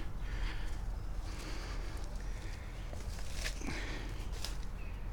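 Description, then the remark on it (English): Heavy footsteps crunch and trample through dense brush and vegetation, a few uneven crackling steps close by over a steady rumble of wind noise. “Is this nettles or not? Either way, we're stomping it down.”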